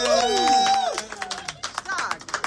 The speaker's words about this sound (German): Ein ganz großer Applaus